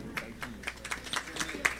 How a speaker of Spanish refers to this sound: Fuerte los aplausos.